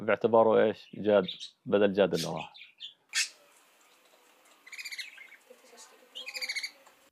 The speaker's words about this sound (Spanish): Quizá escuchar el canto del pájaro sea como sentir que Yad volvió